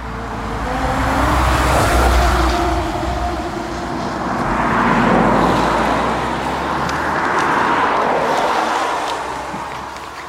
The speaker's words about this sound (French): On est à la Croix des Femmes Mortes, garée sur le bas-côté. Sur le bord de la route, tant bien que mal, on déplie notre carte IGN. Il y a du passage. Les voitures nous frôlent et filent à toute vitesse.